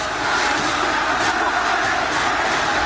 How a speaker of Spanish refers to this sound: En un momento que además la gente de pie está gritando, está alentando. Lógicamente Central está ganando y quedan muy pocos minutos para que termine el partido.